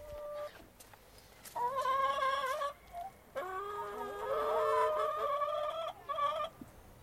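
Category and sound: animal, chickens clucking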